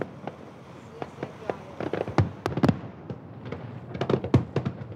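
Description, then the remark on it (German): A fireworks display in Hamburg, with spectators on ships and boats, explodes in a rapid, irregular series of sharp bangs and crackles, some loud booms standing out over a constant low rumble and faint background voices. “Pünktlich zum Feuerwerk, so lieben es Japaner und Deutsche, spielt auch Petrus wieder mit.”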